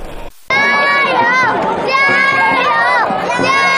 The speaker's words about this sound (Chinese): 水面上龙舟劈波斩浪，河岸旁观众声浪如潮，岭南龙舟队划出经典漂移弧线，诗云会剑儿奋力划桨，水花飞溅，整条大运河化作激情四射的竞技舞台。